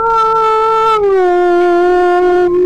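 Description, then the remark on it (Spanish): A dog lets out one long, loud, sustained howl, its pitch dipping slightly partway through and then holding steady to the end, with no talking over it. “Y los perros ladrando”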